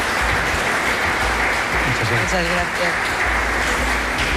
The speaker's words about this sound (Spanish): Y prolonguemos el aplauso